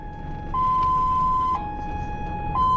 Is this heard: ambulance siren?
yes